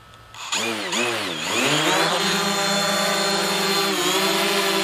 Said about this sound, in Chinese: 然后我们从高空看看，看它是否能形状规整一些，然后指导一下我们下一步的工作。好，飞机已经启动了。